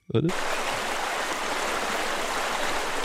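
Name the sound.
small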